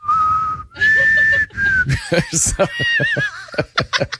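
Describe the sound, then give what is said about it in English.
Someone whistles a short, shaky, off-key tune of three drawn-out notes, fairly loud, then breaks into snickering laughter with bursts of breathy chuckles. “Sing on key, you can't whistle on key, yeah. I tried, though.”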